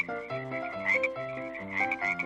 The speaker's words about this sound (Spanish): Plaga de ranas. Miles de ranas salieron del río.